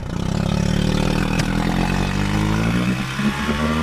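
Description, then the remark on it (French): A motorboat engine drones steadily and loudly, its pitch slowly climbing as it gains speed, with a constant low rumble underneath and no voices. The boat crosses the shallow saltwater lagoon of the Étang de Bages et Sigean, France, on a trip of about 2.5 km to an island. “On a à peu près 2,5 km de bateau pour arriver jusqu'à l'île.”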